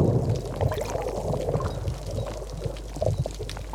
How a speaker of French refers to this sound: J'écoutais le bruit du ressac sur les rochers. Je sais pas comment décrire ce bruit. C'est comme, enfin, on entend une sorte d'écho, quoi.